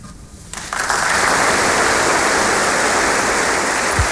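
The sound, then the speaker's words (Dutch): Applause from an audience after a song performance breaks out after a brief quiet moment, swelling quickly into a dense, steady wash of clapping that stays loud and even throughout. “Applaus voor”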